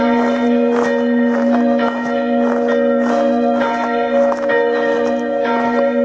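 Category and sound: signal or alarm, church bells ringing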